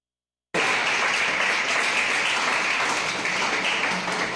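A crowd bursts into steady applause for the young people about to give their testimonies, after a brief silence, many hands clapping in a dense, sustained wash of sound that holds strong for several seconds with no voices over it.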